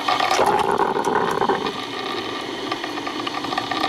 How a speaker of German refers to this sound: Oh, der Sound der Kaffeemaschine. Also bei mir ist es wirklich so, das löst sofort absolute Glücksgefühle aus. Vor allem eben, wenn das so blubbert und man weiß, ja, gleich ist er fertig, der Kaffee.